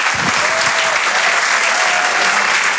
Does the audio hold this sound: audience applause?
yes